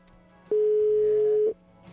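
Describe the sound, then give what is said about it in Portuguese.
A single steady telephone ringback tone sounds for about one second, loud and clear, then stops, leaving only faint background hum. No one speaks. “Atende esse telefone”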